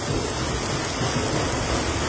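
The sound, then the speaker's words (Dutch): Steady, dense hiss of heavy rain pouring continuously at an even loudness, a rain-and-thunder sound effect in a song, with no distinct thunder claps standing out and no voices. “Met regen en ook zeker de onweer.”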